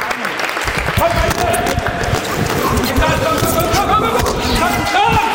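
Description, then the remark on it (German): Police cadets applauding and cheering someone on during a police sports test, a dense, steady patter of clapping mixed with shouting voices, continuous and loud throughout, with busy rhythmic thuds underneath. “Der Applaus übrigens im Hintergrund, das sind die ganzen Polizeischüler. Die haben mich angefeuert.”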